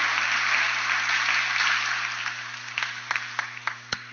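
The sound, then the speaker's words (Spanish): An audience applauds the apostle Santiago at the patronal feasts in his honor, a dense wash of clapping that gradually thins out, ending in a few scattered, separate claps, over a steady low hum. “Un aplauso al apóstol Santiago en este día.”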